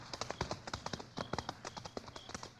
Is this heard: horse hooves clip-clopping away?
yes